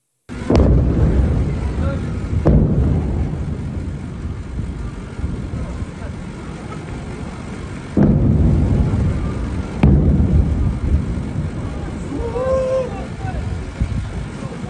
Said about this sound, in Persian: ویدئوی رسیده از مخاطبی به ایران اینترنشنال وقوع چند انفجار رو در بامداد 24 تیر ماه در سیریک نشون میده.